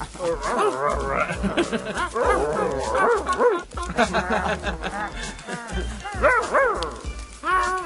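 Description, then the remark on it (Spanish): Voices imitate a puppy growling, a continuous run of whiny, yipping growls with rising and falling pitch, fairly loud, pausing briefly near the middle before more bursts follow. “¿qué significa ese gruñido?”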